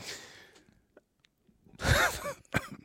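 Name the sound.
coughing and throat clearing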